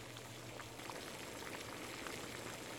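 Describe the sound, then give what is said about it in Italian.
A pot of water at a steady rolling boil while orapi greens are blanched in it for a few minutes, with dense bubbling and soft popping that holds an even level throughout, with no voices. “Per il condimento, mentre si scottano gli orapi per qualche minuto in acqua bollente,”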